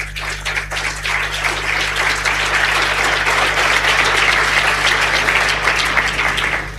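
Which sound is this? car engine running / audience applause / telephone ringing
audience applause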